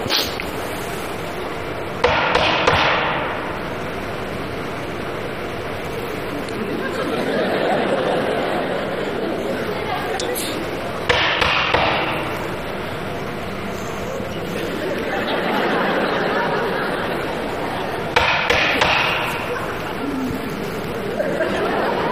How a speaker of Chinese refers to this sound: 你这干嘛呢？ 叫门呢。 你这是叫门吗？你这不敲门的吗？你这不是？